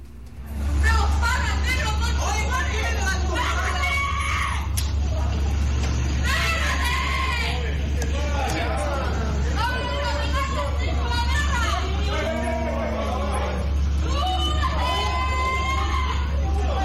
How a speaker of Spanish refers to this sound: Vamos a dar cuenta de eso en unos segundos más, pero yo primero quiero que ustedes escuchen el audio ambiente de esta pelea que se generó en horas de noche en este mismo lugar acá en La Cisterna.